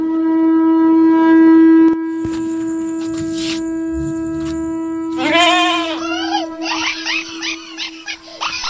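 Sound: sheep bleating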